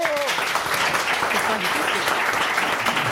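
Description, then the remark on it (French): A steady wash of audience applause for a guest's good answer, dense and continuous, with a voice briefly audible over the clapping near the start. “Et c'est une bonne réponse de notre invité, on l'applaudit.”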